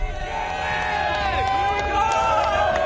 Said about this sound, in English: Yeah, so we're waiting. The parade is just moments away here. The crowd is ready